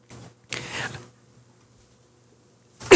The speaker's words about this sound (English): Apologies. I attempted to hold back a cough then, thinking that it would just disappear, but it didn't. It did not.